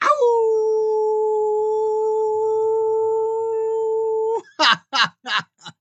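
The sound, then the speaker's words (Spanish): A person imitates a wolf, holding one long, steady howl for about four seconds, loud, then adding four quick, sharp yips in a row. “No sin antes decirles, mis queridos y amadas desvelados, que también para ustedes les envío muchos aullidos energéticos.”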